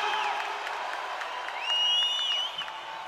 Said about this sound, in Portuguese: Uma salva de palmas bem mais forte para Jesus!